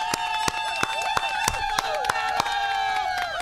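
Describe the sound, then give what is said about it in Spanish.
Loud applause with sharp, irregular claps over a steady wash of cheering voices and shouts, a crowd noisily celebrating for a few seconds. “Vamos a darle un aplauso, espérate. Aplauso, please.”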